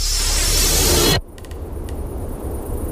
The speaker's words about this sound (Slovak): Tak šumia rododendrony pri okne mojej izby.